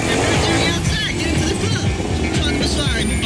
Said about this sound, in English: Wow, nice car. You see? Oh, you drive like crazy.